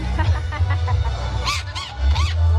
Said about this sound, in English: That is Pepe Herman. He's a parrot, as you can tell, and he's part of the entertainment here at Casa Mexico.